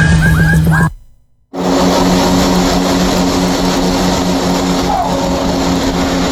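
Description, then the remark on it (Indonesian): A CN-235 turboprop aircraft of Squadron 27 roars loudly as it lands in Biak Numfor Regency, Indonesia, at 9 o'clock Eastern Indonesia Time on Wednesday, 12 August 2026: a steady propeller drone with a strong humming tone. The sound cuts out briefly near the start, then returns and holds without voices. “Saat ini juga darah jenis CN-235 dari Skadron 27 buah proses rem tepat pukul 9 waktu Indonesia Timur mendarat mulus di bandar yang pasti kita mau Kabupaten Biak Numfor pada Rabu 12 Agustus 2026”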